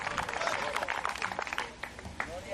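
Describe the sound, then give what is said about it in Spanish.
A church audience applauds the Lord with steady, dense clapping that fills the whole moment, a busy crackle of many hands with a few sharper claps standing out and faint voices mixed underneath. “¿Cuánto tiene un fuerte aplauso al Señor esta tarde?”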